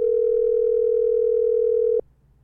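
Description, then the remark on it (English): A phone's ringing tone sounds as one steady, loud, mid-pitched beep lasting about two seconds, then cuts off abruptly into quiet, with a low background hum. No one speaks. “It's a calling now. It's ringing now.”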